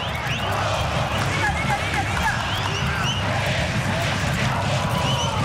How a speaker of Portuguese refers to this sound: Escuta aí a torcida do Corinthians.